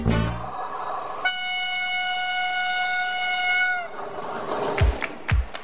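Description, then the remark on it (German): The horn of an arriving express train sounds one long, loud, steady blast lasting a few seconds, preceded by rumbling rail noise and followed by a couple of heavy metallic clunks. “Bitte Vorsicht, Bad Ischl. Radio Schnellexpress fährt auf Gleis 1 ins Studio 1.”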